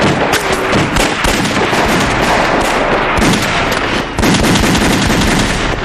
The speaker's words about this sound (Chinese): 听，有枪声。 是啊， 年轻的驼队一定是遇上麻烦了。